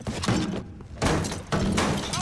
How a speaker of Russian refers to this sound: Соня смотрит на дверь, которую разбивает немецкий солдат.